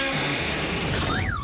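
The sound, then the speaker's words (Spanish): A young male elephant seal named Neil damages a car, making a loud, continuous grinding and creaking racket with low droning tones, ending in a rising-then-falling metallic squeal. “Y este es Neil rompiendo un coche, que le gusta muchísimo, ya lo veréis.”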